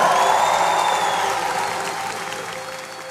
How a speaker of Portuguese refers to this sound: Uma salva de palmas